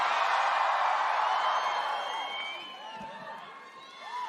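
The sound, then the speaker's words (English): A large crowd at a show in London screams and cheers continuously, a loud, dense roar of high-pitched shrieks and whoops that swells at the start, dips slightly, then rises again. “Do you have to scream so loud? I can barely hear myself.”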